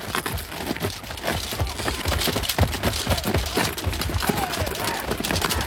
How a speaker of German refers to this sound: Meine Pferde!